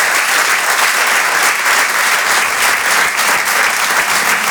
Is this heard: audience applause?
yes